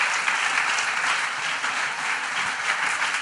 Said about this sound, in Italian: Vi chiedo un applauso per il Presidente di Italia Viva, ex Presidente del Consiglio, Matteo Renzi.